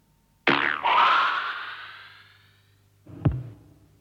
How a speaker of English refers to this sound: The actual release of the arrow is the sound of a thick elastic band being plucked.